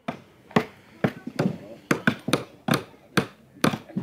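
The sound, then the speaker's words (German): Hammering nails into wood to build a raft: about ten sharp, ringing blows struck in a loose, uneven rhythm, each hit crisp and fairly loud with a short decay. “Man braucht Nägel und Holz und einen Hammer. Gut, dann legt mal los.”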